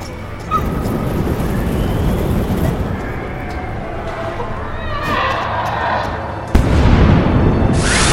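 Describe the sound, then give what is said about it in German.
A container of burning fluid explodes: a loud, rumbling explosion rolls on for several seconds with crackling debris, then a second heavy blast hits near the end, booming. “Eine Explosion riss Finn und Sean von ihren Füßen.”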